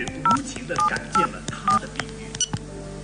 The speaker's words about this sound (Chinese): 林冬儿一边打开牛奶倒进杯子里放入微波炉里热着，一边拿起手机拨打韩光的电话。